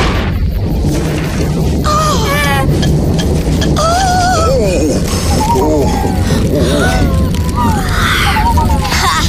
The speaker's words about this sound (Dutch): Tante! Tante! Ik vind die knallen eng. Nou, ik niet, hoor. Oh, dat is onweer. Niets ergs, hoor, lieve Pip.